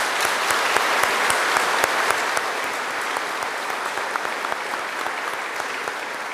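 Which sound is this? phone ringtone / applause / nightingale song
applause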